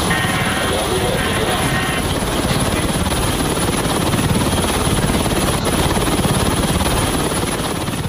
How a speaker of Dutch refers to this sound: Je hoort hier de Franse marine die in de Middellandse Zee een Russische olietanker entert die onder valse vlag vaart.